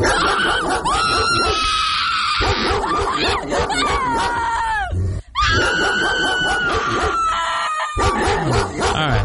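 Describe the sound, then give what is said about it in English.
A pit bull barks in a loud, nearly continuous run of drawn-out, strained yowling cries, with only brief pauses between them and no one talking. “I'm going pit bull on that one. You are correct.”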